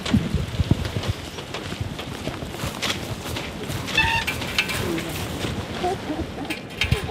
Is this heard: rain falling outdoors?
yes